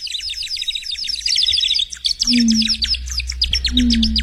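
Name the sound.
birds chirping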